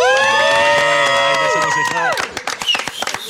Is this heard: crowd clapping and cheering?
yes